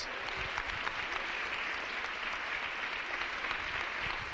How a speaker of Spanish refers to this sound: Dele un aplauso al Señor con todo su corazón. Gloria a Dios.